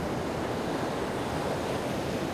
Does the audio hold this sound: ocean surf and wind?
yes